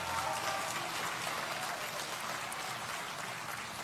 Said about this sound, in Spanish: Buenos días. Justito. A todos. Aplausos.